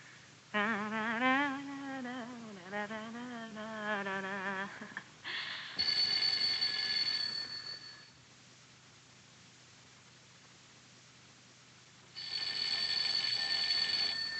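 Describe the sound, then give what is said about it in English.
A telephone rings loudly in two long, buzzy bursts separated by a few seconds of near silence, preceded by a warbling, trilling tone, as a call is put through to Baron von Geigen's room. Nobody speaks. “We'll keep ringing. He must be asleep.”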